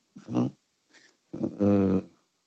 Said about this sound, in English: Dolphin. Dolphin is correct, Miko. It is a dolphin.